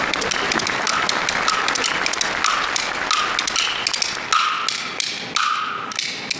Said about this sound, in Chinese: 反正同学们要不鼓掌，我就打到下课。 好，老师还要掌声呢。